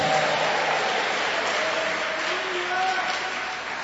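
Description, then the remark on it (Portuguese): An audience applauds the Lord steadily throughout, a dense, sustained wash of many hands clapping, with faint voices rising and falling beneath the noise. “Recebe, pode aplaudir ao Senhor, pode dar glória a Deus.”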